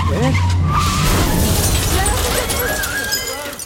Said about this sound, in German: Er crasht durch die Glasscheibe eines Büros.